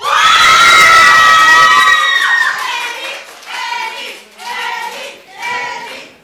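A crowd, many of them young, cheers and shouts loudly and continuously at first, then the cheering breaks into several shorter swelling bursts, with clapping faint beneath the voices.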